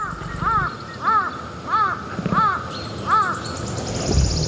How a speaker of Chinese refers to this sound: 乌鸦的叫声很可能会惊动食腐动物。